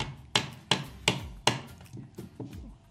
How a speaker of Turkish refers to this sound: Neden kırılmadı? Neden kırılmıyor? Nazar mı değiyor bize? Bilmiyorum. Testi kebabımıza kırılıyor, kırılıyor. Evet.